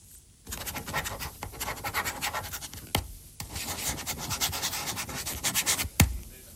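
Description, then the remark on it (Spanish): A red ballpoint pen, being checked for ink, scribbles rapidly across paper with the microphone lowered closer to the pen than to the voice, in a steady, rough scratching stream, briefly pausing twice, with a soft tap as it restarts. No one speaks. “Está más cerca ahora del bolígrafo que de mi voz.”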